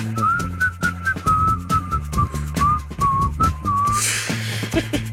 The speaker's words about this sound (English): My wife hates when I whistle. She looks at me, she's like she wants to kill me.